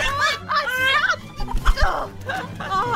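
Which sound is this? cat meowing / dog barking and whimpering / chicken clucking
chicken clucking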